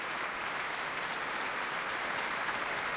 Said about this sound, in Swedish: Applåder efter urförandet av Molly Keynes, A Demon in the Sky, som vi har hört här med Radiokören och Sveriges Radios symfoniorkester under ledning av Andres Orozco Estrada.